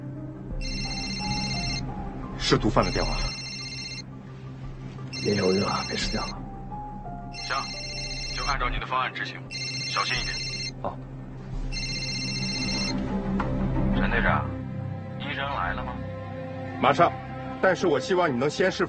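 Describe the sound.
A phone rings in regular electronic bursts, about six trills at steady intervals, fairly loud, while people talk over and around it amid busy background noise; it is a call from a drug dealer.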